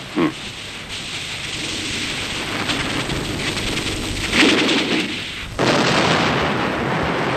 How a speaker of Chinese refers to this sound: 哎，水电站爆炸了。